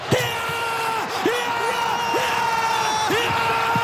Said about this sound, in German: Ich meine, da musst du doch einfach smilen, oder? Was für ein Jubel! Die Schweiz immer noch WM-Viertelfinal.